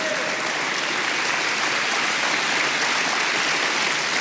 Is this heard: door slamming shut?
no